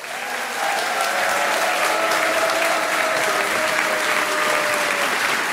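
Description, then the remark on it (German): A crowd in Nettersheim claps steadily and loudly to welcome comedian Christian Schulte-Loh on stage, a dense wash of hand claps that holds at full strength for several seconds with no voices standing out. “Er ist international, begrüßt bitte mit einem wahnsinnigen Applaus, der bis zu den britischen Inseln erklingt.”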